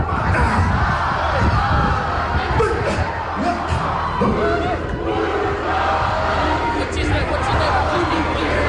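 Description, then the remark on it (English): A large crowd chants a haka together for the players as the team bus arrives, a loud, dense wall of rhythmic shouted voices that carries on steadily and powerfully, with no single speaker standing out. “There was a beautiful haka when the team bus arrived as well.”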